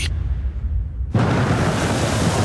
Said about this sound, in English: Don't just sit listening to the rain.